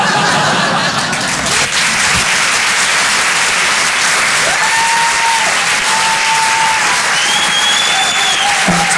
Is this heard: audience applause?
yes